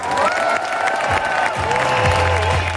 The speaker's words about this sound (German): Und dafür gab es an diesem heißen Nachmittag in Bad Homburg den größten Applaus.